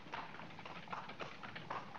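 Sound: horse hooves clip-clopping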